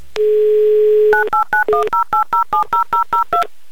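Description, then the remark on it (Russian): A steady dial tone hums for about a second, then eleven quick touch-tone beeps follow in an even, rapid rhythm as a phone number is keyed in to call a man in Kostroma. Clear, with no voices. “Номер телефона мы набрали быстро и оперативно.”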